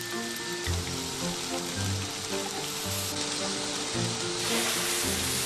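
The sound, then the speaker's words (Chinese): Steady, dense crackling sizzle of lower pork belly seared at high heat on an iron griddle to render out its own fat for cooking porcini mushrooms, with low rhythmic tones underneath, no voices present. “会先用猪身上的下五花肉，用铁板高温煎制出它本身的油来。”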